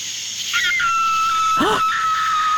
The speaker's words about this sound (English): That's a coyote fox.